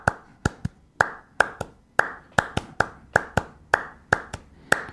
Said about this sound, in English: Yeah, so we can go into clapping music where he's starting certain pattern. You can even call it algorithm where it goes.